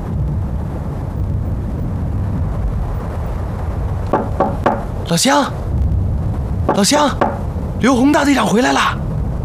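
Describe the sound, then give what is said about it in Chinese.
Three quick knocks on a villager's door in Chen Village sound against a steady, noisy background, followed by a man calling out loudly in a few raised shouts for the door to be opened. “我那边敲不开，洪哥，我也一样。”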